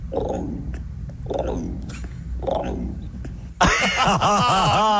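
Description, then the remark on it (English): A person imitates an emu with three deep, rumbling, throaty pulses, then breaks into a loud, wavering, high-pitched vocal sound at the end. “Oh, yeah, give us an emu.”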